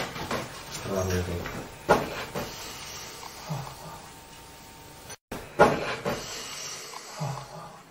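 A person breathing audibly, with slow, hissy breaths rising and falling over a noisy background, broken by a couple of sharp knocks and a brief dropout.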